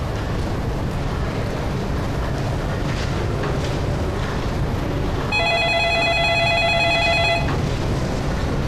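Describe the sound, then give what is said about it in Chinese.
Over a steady low rumble of background noise, a telephone rings once partway through: a bright, sustained electronic tone lasting about two seconds, fairly loud against the din. “啊，刚才妈打电话 问什么时候有空回家吃饭。”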